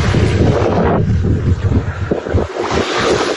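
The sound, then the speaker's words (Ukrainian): Strong wind roars across the empty seafront embankment in Mariupol, Ukraine, in mid-June, buffeting the microphone in loud, rumbling gusts that barely let up, with no voices. “Маріуполь, набережна.”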